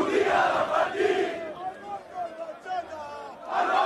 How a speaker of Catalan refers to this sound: Milers d'aficionats del Barça han celebrat fins ben entrada la matinada a la plaça Catalunya de Barcelona.